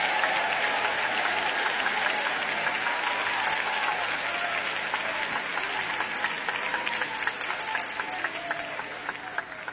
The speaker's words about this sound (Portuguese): Podeis assentar e glorificar a Deus com palmas. Todos, todos, todos. Todos glorificando a Deus com palmas.